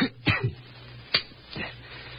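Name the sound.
cough and throat clearing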